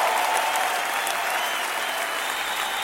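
A large crowd claps for the Lord in sustained, dense applause, a steady wash of many hands at a fairly loud, even level throughout with no speech over it.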